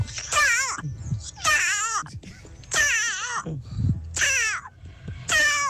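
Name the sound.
voice imitating a cat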